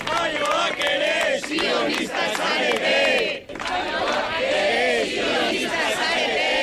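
A crowd of several dozen supporters of a flotilla shouts rhythmic chants in unison, loud and sustained, with many voices rising and falling together in repeated phrases and a brief dip before the chanting resumes. The chants end a statement read entirely in Basque by the flotilla's spokespeople.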